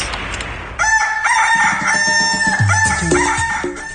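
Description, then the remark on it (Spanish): A rooster crows loudly, a long sustained cock-a-doodle-doo with a bright harmonic call that rises and wavers before trailing off, heard alone without any talking. “estás muy lejos del gallo de la radio y necesitamos escuchar las tendencias.”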